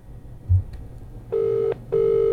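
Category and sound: signal or alarm, phone call ringing tone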